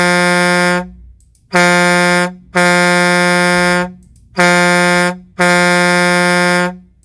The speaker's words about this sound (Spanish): aguante ese troquero, vamos a aventar unos pitidos para que se aliviane la raza. Claro que sí, vamos a aventar unos pitidos por ahí.